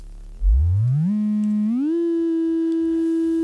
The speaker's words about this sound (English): So, with an electronic analog synthesizer, you can produce tones. There's a patching panel where you push pins into, and you can start by just producing a simple oscillator tone. Here's a simple sine wave.